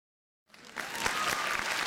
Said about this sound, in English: Oh, I love the sound of that. Applause, applause, applause. A little clap here, a little clap here, a little clap everywhere. We love the sound.